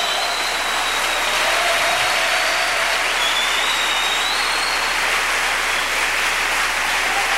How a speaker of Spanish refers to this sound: Un aplauso fuerte al que vive por los siglos de los siglos.